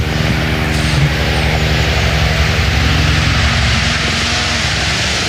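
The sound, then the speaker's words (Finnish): A helicopter roars steadily, its engine whine and rapid rotor chop filling the whole stretch at a constant, loud level with no voices; it signals rally driver Sami Pajari nearing the finish of the Laukaa 1 stage. “Helikopterin perusteella Sami Pajari myöskin aivan hetken kuluttua tällä Laukaa ykkösen maalissa.”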